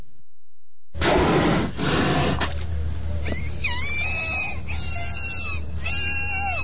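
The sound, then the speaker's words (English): Vocalizations of two captive killer whales (orcas) at SeaWorld in Florida: a loud, rough burst of noise gives way to a series of high, whistling calls that rise and bend in pitch, repeated several times over a steady low rumble. “Killer whales can actually be friendly, at least the captive ones, like these two at SeaWorld in Florida.”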